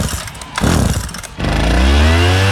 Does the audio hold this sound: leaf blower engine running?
yes